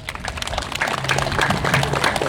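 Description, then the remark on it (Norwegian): A burst of applause for a law just read out at a pirate-themed gathering, dense and steady for a couple of seconds, with a faint voice or cheer woven into the clapping. “Vi gir en applaus til den loven.”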